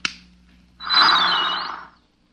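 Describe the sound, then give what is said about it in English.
A static recording being played back: a sharp click, then a burst of harsh, static-like noise with a thin warbling whine gliding through it, lasting about a second before cutting off abruptly; fairly loud, no voices. “Well, you remember that static recording I played you?”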